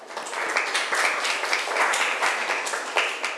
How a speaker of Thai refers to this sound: เก่งมากค่ะปรบมือให้เพื่อนหน่อยค่ะ